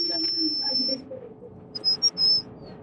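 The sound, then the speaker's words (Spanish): A very high-pitched human whistle holds one steady, piercing tone for about a second, then after a pause gives three short, sharp blasts, all over a low background rumble. “Ese más que silbido parece silbato para perros.”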